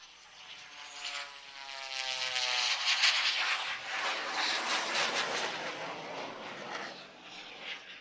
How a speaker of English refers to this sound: I love that sound. As it comes by you, you hear the radial engine out front making noise, and then as it goes by, you hear the jet exhaust as well. The aircraft goes from 0 to 250 miles per hour and can climb to 15,000 feet per minute.